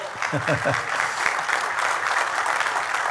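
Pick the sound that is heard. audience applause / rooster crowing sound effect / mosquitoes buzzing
audience applause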